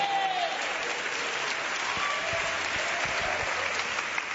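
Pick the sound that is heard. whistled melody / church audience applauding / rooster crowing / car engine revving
church audience applauding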